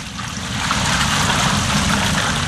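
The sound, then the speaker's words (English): A steady, fairly loud rush of water pours and splashes continuously for a couple of seconds as four large jars of water are poured over an offering and wood on an altar, growing a little fuller after the start, with no voices. “Then he said to them, Fill 4 large jars with water and pour it on the offering and on the wood.”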